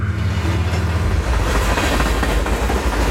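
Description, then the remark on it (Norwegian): A train rumbles along the rails with a steady, loud low-frequency roar and faint rhythmic clatter, continuous throughout, with no voices. “Da Koot noen dager senere gikk av toget på Østbanehallen”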